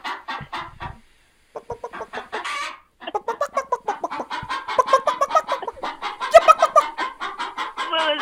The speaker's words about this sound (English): Well, the chicken has something to say to you. Go ahead, chicken.